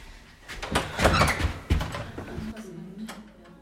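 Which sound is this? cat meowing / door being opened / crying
door being opened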